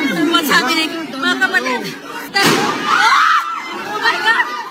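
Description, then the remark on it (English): A sharp, loud bang cuts through a crowd of people shouting and yelling excitedly, with the agitated voices continuing after the shot. Gunshots heard inside the Philippine Senate. “Elsewhere, gunshots heard inside the Philippine Senate.”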